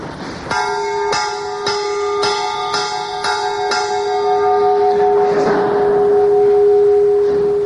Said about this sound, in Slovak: No a aby sme túto zvukovú prehliadku skončili aj nám známym slovenským zvonoliárom, dovolte, aby sme sa pristavili pri zvone Pavla Ranka z Trenčína, ktorý počas celej Prvej republiky vyrábal v Trenčíne zvony.